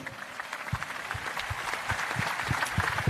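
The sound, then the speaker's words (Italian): Steady audience applause dedicated to Franco Baresi, a dense crackle of many hands clapping without pause for about three seconds, growing slightly fuller toward the end with no voices over it. “Dedichiamo un pensiero e anche un applauso a Franco Baresi.”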